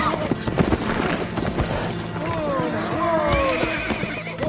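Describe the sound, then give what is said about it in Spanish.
Two horses being ridden through a forest move steadily with rhythmic hoof clops and a whinny rising over the constant activity, while voices can be heard speaking in the background. “Los dos atraviesan el bosque del rey en sus caballos.”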